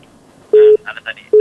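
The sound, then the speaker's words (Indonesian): A steady, fairly loud incoming call tone on a regular telephone line sounds in two separate beeps, with a brief burst of voice between them. “Dan ada tadi saya dengar ini dari telepon biasa, kita angkat dulu.”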